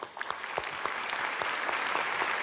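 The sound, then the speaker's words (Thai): A crowd claps steadily, a dense patter of many hands filling the space at a consistent, fairly loud level with no voices on top. “ปรบมือเข้าหน่อยครับ”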